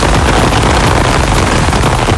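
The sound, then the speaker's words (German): Heavy summer rain over Franconia, Germany, pours down in a loud, steady hiss, with a dense crackling patter of drops that never lets up. No voices are heard. “Und das ist natürlich nicht der Sound von irgendwelchen Schnitzelchen, die langsam in der Pfanne vor sich hin brutzeln, sondern das ist der Sommerregen, der heute über Franken rüberziehen wird.”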